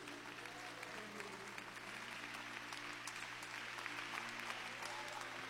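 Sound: audience applauding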